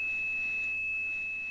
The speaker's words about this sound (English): And those systems used tones to tell one another what to do. And one of those tones, 2600 hertz, meant a call had ended.